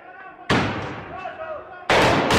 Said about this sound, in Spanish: Explosiones en las calles de La Paz, sede del gobierno boliviano.